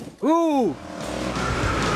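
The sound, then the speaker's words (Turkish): A truck engine catches and revs, with a tonal whine that rises then falls over half a second, followed by a loud, rough, steady running rumble. “Çalıştır. Çok iyi. Sesi çok güzel.”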